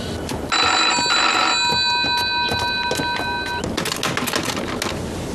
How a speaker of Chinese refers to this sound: 喂，接二团，二团，二团，电话还是没人接， 是不是出了什么问题啊？ 这个时候怎么会没人接电话呢？